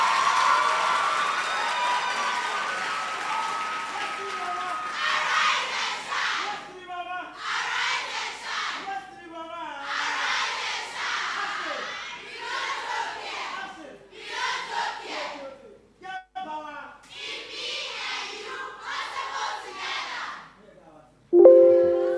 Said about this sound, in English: Some of you wanted to make noise. But you know the rules of engagement, so you didn't clap. You didn't make the noise. This is the time. You want to clap, clap. You want to make noise, make the noise.